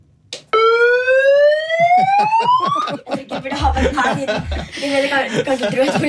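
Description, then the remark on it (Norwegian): A person imitates a siren with a loud, rising vocal wail lasting a couple of seconds, the cheer shouted when the Drammen handball club scores, followed by laughter and chatter from others. “Da går du for full sirene.”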